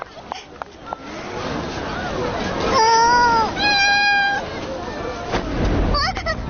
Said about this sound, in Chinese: 好可爱的小猫咪。